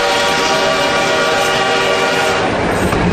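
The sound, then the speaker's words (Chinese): A loud steam locomotive train roars past in a continuous dense rumble, with steady tonal horn-like bands and rattling wagon noise throughout, on the opening day of the Hangzhou to Jiaxing railway in 1909. No one speaks. “此刻不知蒸汽机车的轰鸣给这个男孩带来了多大的震撼。”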